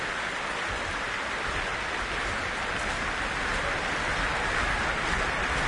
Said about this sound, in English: Well, a vast crowd gathered here in the Royal Albert Hall this Sunday evening, and as you can hear, an encore is being demanded.